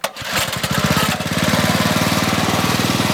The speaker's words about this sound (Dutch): de motor van zijn bamboevlot aan om mensen over te steken over het Karian Reservoir. Dat is een waterreservoir dat wordt gebruikt voor industrie en irrigatie.